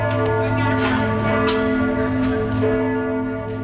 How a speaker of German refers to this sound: 15 Uhr läuten in der Nürnberger Altstadt. Wie an jedem anderen Freitagnachmittag auch, tummeln sich einige Touristengruppen rund um diese Sebalduskirche. Fast 800 Jahre alt ist sie.